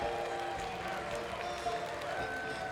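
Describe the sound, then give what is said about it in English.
A large crowd at a Tekken grand finals roars and applauds in a dense, continuous wash of noise, steady throughout, with a faint sustained tone humming underneath. “With the crowd roaring and the light shining bright, Arslan feels the presence of something greater.”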